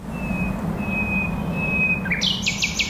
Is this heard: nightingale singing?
yes